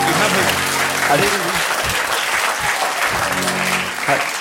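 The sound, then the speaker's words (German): Steady audience applause, dense and continuous clapping from many hands, with voices faintly talking underneath. “Da brauche ich sie gar nicht klatschen, das wäre ja blöd, so aufzuhören.”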